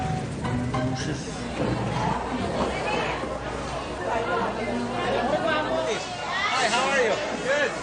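A dense market crowd of overlapping voices shouts and calls out continuously, raised chatter and hubbub filling the whole stretch without a break.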